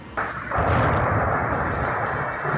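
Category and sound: impact, artillery fire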